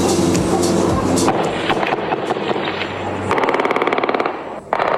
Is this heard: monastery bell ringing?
no